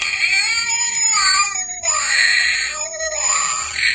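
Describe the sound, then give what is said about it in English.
A cat meows loudly in two long, drawn-out yowls, each wavering and bending in pitch, with no talking. “The more the meower, yeah.”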